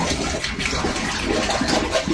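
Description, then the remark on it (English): Water gurgles and churns up out of a shower stall drain at 2 a.m. in a steady, fairly loud rush, backing up and pushing the drain plug up, with bubbling low surges throughout and no voices. “And while that water's coming up and out, like the drain plug is shooting up.”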